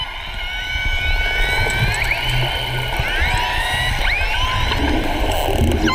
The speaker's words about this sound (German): Die Beluga-Wale, die ihr da hört, werden auch die Kanarienvögel der Meere genannt, weil sie so lustige Laute machen, die wie das Gezwitscher von Kanarienvögeln klingen.